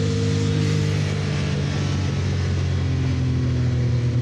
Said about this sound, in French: Ah, par contre, le turbo, on l'entend bien, hein. C'est pas le turbo, hein. C'est les deux turbos. Il faut savoir que cette 962C est équipée d'un moteur 6 cylindres, 2 litres 8, biturbo.